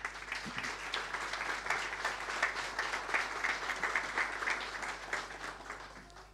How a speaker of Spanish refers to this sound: Recibámoslo con un gran aplauso, por favor.